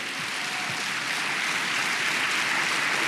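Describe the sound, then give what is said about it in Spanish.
An audience claps steadily together in applause for the Lord, a dense, continuous wash of many hands at fairly loud level for the whole few seconds, with no voices standing out. “Vamos, dele palmas al Señor. Vale la pena, vale la pena, vale la pena aplaudirlo a Él.”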